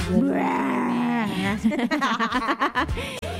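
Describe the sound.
A loud, drawn-out groaning yawn that rises and falls in pitch for over a second, followed by choppy, broken voiced sounds like chuckling or muttering.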